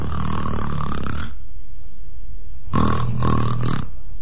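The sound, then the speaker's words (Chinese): A man's voice imitates snoring for Kou Zhun lying in a mourning tent and snoring with his eyes open: two loud, raspy snores, each held about a second, separated by a quiet pause, with no talking in between. “瞪着眼睛就打呼噜了。”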